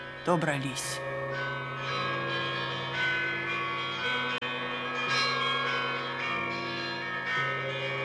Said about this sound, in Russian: Добрались. Звонят колокола Знаменской церкви Иркутска.